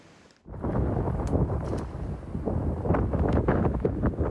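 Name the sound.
storm wind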